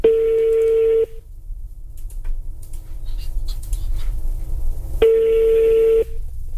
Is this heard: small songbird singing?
no